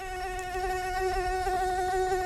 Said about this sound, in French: Et c'est un son qu'on risque bien d'entendre encore pendant plusieurs mois. Le moustique fait de la résistance.